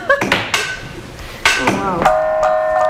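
A gong is tapped with a beater several times, each sharp metallic hit leaving bright, shimmering overtones that ring on and settle into a steady, sustained hum toward the end.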